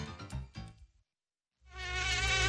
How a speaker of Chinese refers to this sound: 随着进一步研究，人们又发现了蚊子隐蔽的发声器官，它们发出的嗡嗡声又暗藏着怎样的玄机？